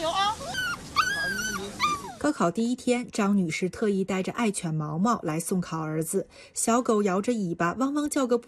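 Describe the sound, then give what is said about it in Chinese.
A small dog named Maomao, wagging its tail outside the gaokao exam site at the High School Affiliated to Renmin University of China in Haidian District, Beijing, on the exam's first day, gives a burst of high, whiny yips and barks for a couple of seconds, then a person starts talking, the dog mostly fading under the voice. “小狗摇着尾巴，汪汪叫个不停，仿佛也在给即将入场的小主人加油打气。”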